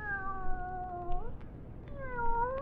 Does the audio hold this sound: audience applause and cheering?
no